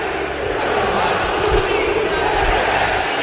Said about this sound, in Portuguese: A pressão tá grande, mas lá da torcida. É a voz da arquibancada, né, véio?